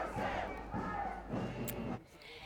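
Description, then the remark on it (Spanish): A protest march of about 30 groups and parties carrying Ukrainian and Palestinian flags shouts slogans against Washington's war policies in unison, three loud rhythmic bursts of massed voices, each a phrase long, before the chanting drops off at the end. “Cerca de 30 grupos y partidos han participado en esta marcha con banderas de Ucrania y de Palestina y han gritado lemas contra las políticas bélicas de Washington.”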